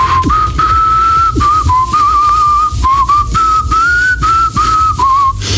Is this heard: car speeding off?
no